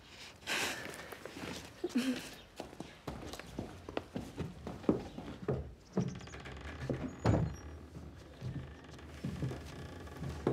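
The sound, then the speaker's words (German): A door being opened and shut, with scattered knocks, thuds and shuffling footsteps over about ten seconds, some clatters sharper and louder than others. “Entweder du kommst rein oder du machst die Tür zu.”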